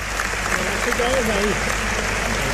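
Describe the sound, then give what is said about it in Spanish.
A bullring crowd gives a sustained ovation as the bullfighter Borja dedicates the bull to the public, montera held up in his right hand: dense, steady applause and cheering that holds at an even, loud level, with a brief voice rising above the din midway. “Rompe la ovación del respetable, esa montera que recorre los tendidos.”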